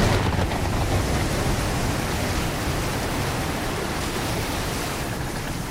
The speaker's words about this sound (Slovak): Búrka obrovskou pesťou vetra a spenenej vody prúdko udrela do provy našej lode. Bolo to ako keď rozúrený bík vrazí z celej sily do práchnivého stĺpa ohrady. Loď zaprašťala, zastenala a odletela nabok ako pierko.